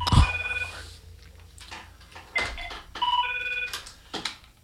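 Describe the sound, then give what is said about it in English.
A telephone at a radio station rings during a live broadcast with bright electronic trilling tones in a few repeated bursts, mixed with some clattering handling noises and no one speaking. “All right, as I said, I can't answer the phone and talk when I'm talking on the air.”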